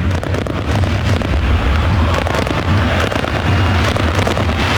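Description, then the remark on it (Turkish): Fireworks burst and crackle repeatedly inside a stadium in Zenica during a football match, the sharp pops layered over a constant, loud wash of crowd roar and low rumble, with no one speaking. “Bir havai fişek gösterisi de var tabii ki şu an. Sesleri siz de duyuyorsunuz.”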